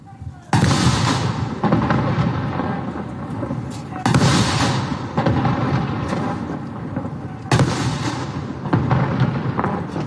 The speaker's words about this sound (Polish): Pamięć bohaterskich żołnierzy majora Henryka Słucharskiego i kapitana Franciszka Dąbrowskiego, którzy bronili placówki przez 7 dni, uczczono apelem pamięci oraz salutem armatnim. Salut armatni!